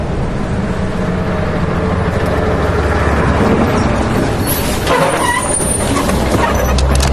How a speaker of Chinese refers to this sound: 除了机场，我们又坐了一个多小时的汽车，来到了乃东。